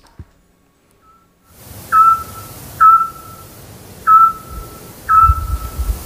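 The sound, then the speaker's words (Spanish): A scops owl gives four short, clear, sonar-like whistled notes at a steady rhythm, each a pure beep of similar pitch, over a low rumbling background with no voices, at about 10 at night in the centre of the town of Peñaranda de Duero. “¡Hombre, el autillo!”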